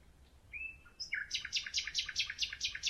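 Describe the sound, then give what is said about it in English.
A lone male nightingale sings in the dark at night, opening with a few clear whistled notes before launching into a fast, rhythmic series of bright repeated chirps, fairly loud against a quiet night background. “In the middle of the night, I satisfied my desire and recorded a lone male nightingale singing in the dark.”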